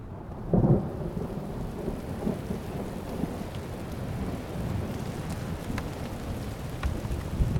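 Low thunder rumbles on and off beneath a steady wash of heavy rain from a massive storm with lightning at a climbing base camp, with a louder roll near the start and scattered sharp drops pattering.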